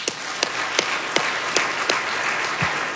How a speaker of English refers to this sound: Bob Pittman is the chairman and CEO of iHeartMedia, the largest. Yeah, clap for that.